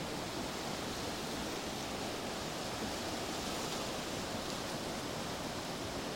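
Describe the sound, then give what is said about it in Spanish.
Rushing floodwater from an overflowing river by the Cubarral road, which has flooded into a farm, roars steadily and loudly throughout, a dense, unbroken wash of churning water with no voices or pauses. “este río acabó con todo, ahora sí.”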